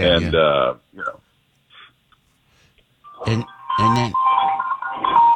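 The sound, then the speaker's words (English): A small mixed-breed dog lets out a drawn-out, whiny yelp, then after a pause gives two short, sharp barks over a faint steady ringing tone, fairly loud. “What was that dog barking in the background?”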